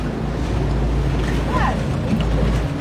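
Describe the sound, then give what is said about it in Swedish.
Steady low rumble of a boat engine and rushing water on a choppy sea, with wind buffeting the microphone throughout and a few faint, brief chirping tones in the background. “Det är två gula bollar som åker runt i vågorna.”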